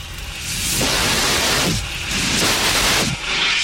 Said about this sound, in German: Den mobilen Kohlendioxid-Handlöscher benutzen.